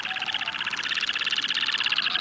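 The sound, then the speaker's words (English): A shorebird in low, buoyant flight over the tundra gives a long, unbroken series of rapid, pulsing hooting calls, repeating at a steady quick rhythm and fairly loud throughout, with no voices present. “and in a low, buoyant flight, issues a long series of hooting calls over areas frequented by females.”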